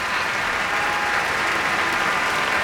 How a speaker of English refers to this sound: Now Teddy Abrams asking many people to be acknowledged for their contributions. Big cheer for Vicky Garcia there.